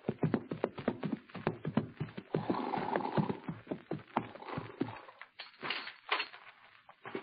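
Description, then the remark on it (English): Hopalong Cassidy and the Sundown Kid ride their horses up to the door of Mort Robertson's ranch house on Clear Creek with steady clip-clopping hooves, a quick, busy rhythm of sharp, fairly loud knocks, then slow and thin out toward the end. No one speaks. “It's only a few minutes after the meeting on the plane that Hoppy and the Kid ride up to the door of Mort Robertson's ranch house on Clear Creek.”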